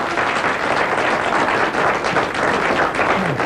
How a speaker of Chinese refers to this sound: 你看见了吗？只要观众当中有一位鼓掌欢迎我唱。